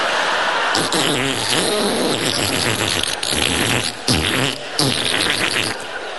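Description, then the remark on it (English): A dental suction pump attached to the inside of a cheek sputters with wet, farting, buzzy noises, loud, running continuously for several seconds with wavering pitch and brief gurgling breaks. “He puts 400 weight of ironmongery in your mouth, including a suction pump that does nothing apart from attach itself to the inside of your cheek, making farting noises.”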